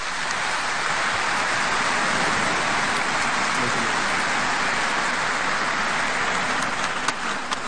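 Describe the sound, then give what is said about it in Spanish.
A large crowd applauds steadily, a dense, even wash of clapping that keeps up at full strength for several seconds without fading, heard on its own with no voices. “Y así como también entre Ovea Penguaraña y Mevago Árape, para todos un fuerte y caluroso aplauso.”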